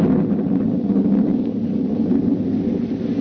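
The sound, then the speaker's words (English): A deep, rolling thunder rumble as lightning comes again fills the whole moment, loud and sustained without letup, heavy in the low end with a hiss of storm noise above it and no voices. “And then the lightning came again.”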